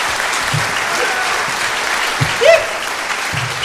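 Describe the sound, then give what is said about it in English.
An audience claps steadily for a few seconds, a dense, fairly loud wash of applause with a brief vocal whoop rising out of it partway through. “They clap four times and that's it.”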